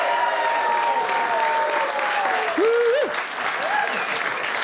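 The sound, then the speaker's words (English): A studio audience at ABC Studios applauds steadily during a live show, dense clapping at a consistent loudness, with brief cheering or whooping voices rising above it near the middle. “A big round of applause to be here in person.”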